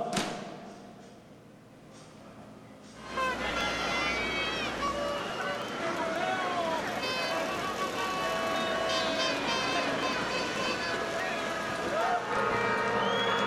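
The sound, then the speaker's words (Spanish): After about three quiet seconds, a crowd of thousands at the 2026 Grito de Independencia ceremony in Aguascalientes, led by Governor Tere Jiménez, erupts into loud, sustained shouts of vivas, many overlapping voices cheering together at a steady level until the end. “se escuchó muy fuerte cada uno de los vivas desde aquí”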